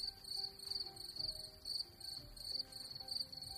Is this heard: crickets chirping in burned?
yes